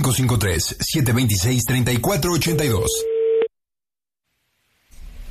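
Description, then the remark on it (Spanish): Excited talking on a prank call on the Panda Show radio program cuts off when the other person hangs up, and a steady, low electronic busy tone hums for about a second, followed by silence and then faint sound returning. “¿Por qué colgó el teléfono?”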